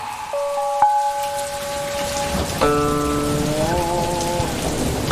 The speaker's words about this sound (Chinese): 听外面雨声有点大，咱们备采先暂停。